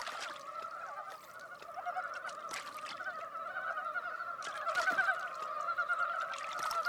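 A dense chorus of Dybowski's frogs in a forest in spring, many overlapping nasal, honking croaks blending into a steady, mid-pitched drone that stays loud throughout, swelling slightly toward the end, with no voices.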